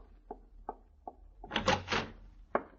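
door being opened

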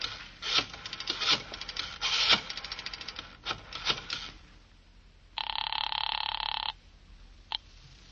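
telephone ringing

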